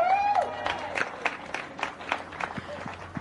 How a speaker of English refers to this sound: And for our junior winner out here today, another round of applause for Maxim Direksh.